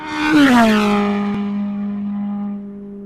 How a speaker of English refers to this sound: They reckon the sound of F1 is just so deafening